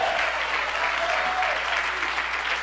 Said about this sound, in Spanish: Dale tu mejor aplauso a Dios.